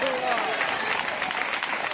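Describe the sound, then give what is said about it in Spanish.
A church audience bursts into loud, sustained applause during a sermon, dense overlapping claps forming a steady crackling wash for the whole stretch, with a few raised voices mixed faintly underneath. “Dele un fuerte aplauso si es para él, iglesia.”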